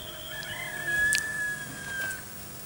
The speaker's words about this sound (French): Et une petite aurore. Et le coq. Et le coq.